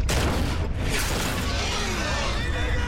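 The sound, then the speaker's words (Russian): A 45 mm anti-tank gun fires at a tank amid a dense, continuous, loud roar of battle noise, with a brief dip before the rumbling blast carries on through the rest of the moment. “Выстрел Сенгербаева.”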